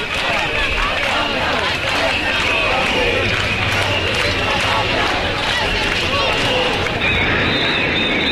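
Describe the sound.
A huge crowd of about 25,000 protesters in Palma de Mallorca shouts and chants together against overtourism on the island, at a demonstration called by the association Menys Turisme Més Vida. A steady, dense roar of many voices, with overlapping cries rising above the loud, continuous wash of noise throughout.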